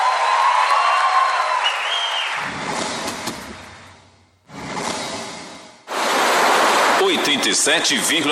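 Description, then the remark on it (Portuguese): A crowd applauds loudly with cheering and screams mixed in. The clapping fades briefly toward the middle, then surges back to full volume for the final seconds. “Mais aplausos.”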